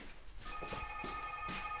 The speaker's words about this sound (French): Alors là, Dieu, il y a le téléphone qui sonne encore.